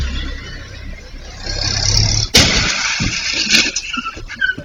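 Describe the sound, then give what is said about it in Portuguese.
A car engine rumbles steadily, then the car crashes without braking: a sudden loud crash with no screech of brakes, followed by scattered clattering and rattling debris. The car has a Brazilian flag on the back. “Não, ele bateu sem frear. Ele nem freou o carro.”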